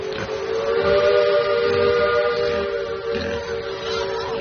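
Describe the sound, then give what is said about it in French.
The whistle of a steamship sailing from Palma to Barcelona with about a hundred pigs on board blows in one long, steady, loud blast, its layered tones holding unbroken for several seconds over a low rumbling background, with no talking. “De Palma à Barcelone, la famille Sanchopin voyage sur un bateau à vapeur”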